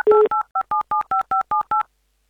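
A telephone number is dialed to call a contestant in a radio game: a short burst of dial tone, then about nine crisp touch-tone beeps in a quick, steady sequence, each a bright two-pitch chirp, with no voices.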